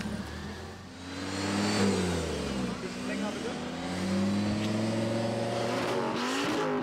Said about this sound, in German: Viele Auto- und Motorradliebhaber aus der Szene sind hier. Besonders beliebt der Lärmtest. Drehung hoch.